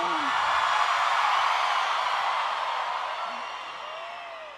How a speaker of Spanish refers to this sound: y que se escuche un grito, Ciudad de México.